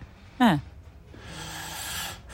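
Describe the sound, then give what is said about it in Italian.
A single snore from a person asleep: a short, rough voiced snort that drops in pitch, followed by a long, breathy rush of air. Fairly quiet, with nobody talking. “Sì, è già un bel russare.”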